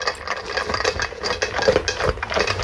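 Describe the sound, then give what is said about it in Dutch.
Dogs crunch through dry kibble, a dense, continuous stream of irregular crackling bites and rattling clicks at a steady moderate level, with no voices. “Onze honden die de brokken opeten.”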